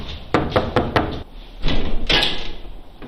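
knocking on a door

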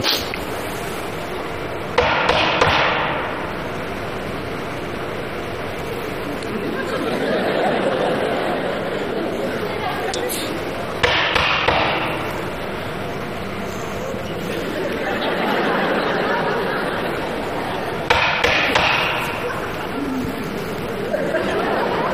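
knocking on a door

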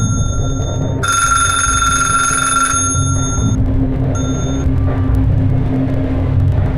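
telephone ringing

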